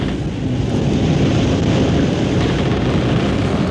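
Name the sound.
wind whipping sails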